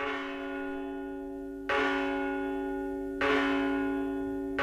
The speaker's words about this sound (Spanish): Estas son las campanas de Virga la Mayor llamando a misa.